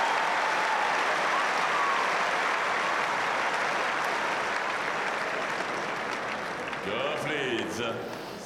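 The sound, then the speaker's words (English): A large tennis crowd applauds in a loud, steady wash of clapping and cheering after Coco Gauff hits an angled winner to lead 6-5, holding for several seconds, then easing slightly as a man's voice starts speaking over it near the end. “Coco Goff, and the crowd lapping it up as the American now leads 6-5.”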